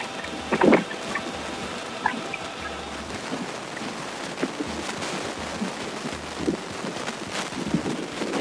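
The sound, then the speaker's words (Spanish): A crowd applauds steadily for several seconds to welcome the vice president of Cerro Largo Fútbol Club at a ceremony for a sports complex named after him, a dense, even wash of clapping with a few sharper claps standing out, and no one speaks over it. “Recibimos con un fuerte aplauso a Lorenzo Albano, vicepresidente de Cerro Largo Fútbol Club.”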